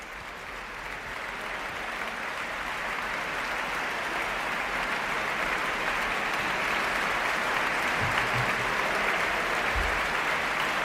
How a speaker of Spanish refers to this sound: La orquesta aplaude a la directora Irene Delgado Jiménez, que saluda a los cabezas de familia de la Orquesta Nacional de España, pone en pie a la orquesta y el público aplaude la interpretación de la Sinfonía número 2 en re mayor, opus 36